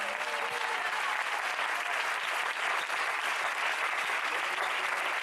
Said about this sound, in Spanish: Dele un fuerte aplauso, que se oiga el Señor.